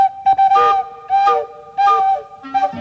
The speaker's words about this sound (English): That was little Toot, all right. And what a cute, silly whistle he had.